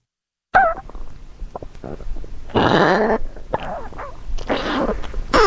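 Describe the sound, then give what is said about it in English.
A dog's stomach gurgles and rumbles at the foot of a bed at night, a series of squelchy, bubbling growls rising and falling in pitch, with louder swells near the middle and end and no talking. “So I was sitting in bed the other night and I heard this strange sound coming from the foot of my bed. And it turns out it was my dog's stomach.”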